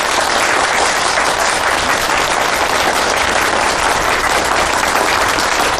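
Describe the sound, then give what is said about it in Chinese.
Sustained warm applause from many people at a meeting, welcoming home a staff member of the provincial forestry department, dense and steady for several seconds, many hands clapping at once with no voices standing out. “让我们用热烈的掌声欢迎”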